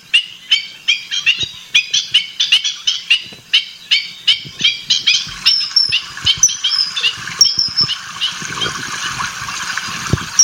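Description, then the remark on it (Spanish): Sharp, repeated yelping bird calls from a black-winged stilt, fast and rhythmic at first, then blurring into a denser chorus of overlapping calls over a faint background. “Pero generalmente aquí se le llamaba zancolín.”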